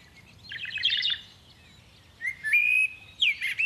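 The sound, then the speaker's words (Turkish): A bird chirps in two bursts: a rapid cluster of high, warbling notes, a pause, then a rising whistled note followed by a flurry of sharp tweets, fairly loud over a quiet low hum. “Bu kuş sesini siz de duydunuz mu?”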